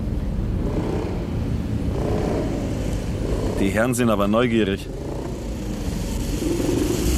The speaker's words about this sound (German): Was hast du denn? Du, ich glaube, uns verfolgt ein Motorrad.